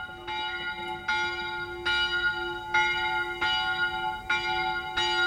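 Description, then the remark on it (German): Bells ring in a steady series of about seven strikes, each rich metallic tone blooming and lingering in a long reverberant tail that overlaps the next, with a constant low hum beneath and no voices. “Ah, deine Nachhallglocken.”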